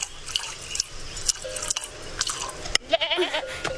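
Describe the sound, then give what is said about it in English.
A nanny goat gives a short, wavering bleat near the end, heard over steady hissing and splashy dripping sounds. Nobody speaks. “My nanny goat's milk is not for sale.”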